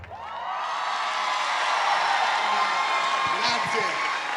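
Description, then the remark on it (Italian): A live audience in Chiavari roars with sustained cheering and shouting, loud and dense from start to finish, with scattered whoops rising above the steady wall of crowd noise. “l'urlo più forte è Chiavari.”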